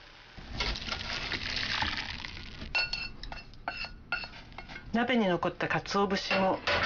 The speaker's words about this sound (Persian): حدود 1 دقیقه بگذارید بجوشه و سپس داشی رو در یک آبکش که روی یک کاسه قرار گرفته خالی کنید.